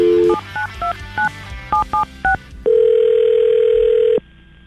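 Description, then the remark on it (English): A quick string of touch-tone beeps dials a number, then a single steady ringback tone sounds for about a second and a half and stops. It is clear, with no talking. “Maybe she'll pick up.”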